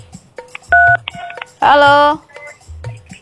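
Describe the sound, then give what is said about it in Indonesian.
Telephone line tones from an incoming caller on the Cakadut (Karaoke Dangdut) call-in program: a short steady dual-tone beep, then a louder, buzzier tone lasting about half a second, with faint talk around them. “Terima telepon lagi.”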